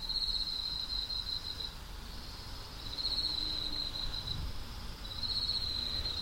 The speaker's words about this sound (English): We're currently listening to the sounds of night crickets from the culture space Yang, Gogoro Village, Jeju, South Korea.